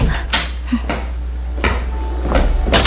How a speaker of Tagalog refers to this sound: Papasok na ako, ha? Bubuksan ko na tong pinto.